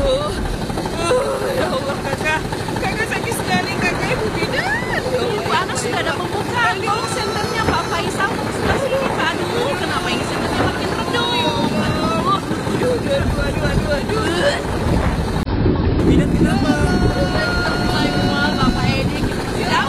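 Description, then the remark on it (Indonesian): A small boat engine drones loudly and steadily on very wavy, rough water, its rough hum mixed with wind and water noise, while people talk over it throughout. “Saya mau menghidupkan mesinnya dulu nih.”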